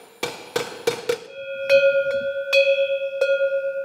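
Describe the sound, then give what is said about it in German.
Four quick, sharp metallic knocks as a traditional cowbell is hammered to tune its sound, then the cowbell struck several times, each strike leaving a steady, mid-pitched ringing tone that lingers between hits. A traditional herd cowbell of the Alentejo. No one speaks. “Jede Herde im Alentejo, wenn sie denn noch traditionelle Kuhglocken hat, bimmelt anders.”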